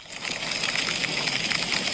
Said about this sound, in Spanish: Y es que las tormentas han sido las protagonistas de este jueves por la tarde-noche en el Racó d'Ademús, el Serrans y la Plana d'Utiel Requena. El granizo, como han escuchado, caía en poco tiempo y con fuerza.